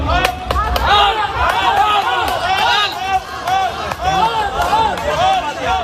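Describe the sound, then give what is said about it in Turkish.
A large crowd of parents waiting in a school yard, shouting and chanting "al al" together outdoors, many overlapping voices rising and falling in loud, continuous waves with sharp claps or knocks cutting through. “Okul bahçesinde bekleyen veliler hep bir ağızdan al al diye tezahürat yapsa da katı kurallar duvar oldu, kapı aralanmadı.”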